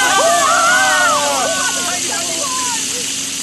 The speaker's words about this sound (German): Tatsächlich. Wasser. Eine riesige Wasserfontäne schießt in die Höhe.